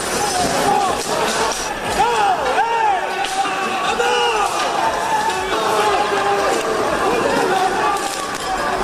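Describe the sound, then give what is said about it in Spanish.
A chaotic street brawl among supposed Levante football fans, hooded and dressed in black, with sticks, baseball bats and firecrackers: a crowd shouts and yells continuously while sharp bangs, slams and clattering impacts ring out at irregular moments as chairs and street furniture are thrown, loud throughout. “Gente encapuchada, vestida de negro, con palos, bates de béisbol, petardos y una batalla campal. Han volado sillas, mobiliario urbano.”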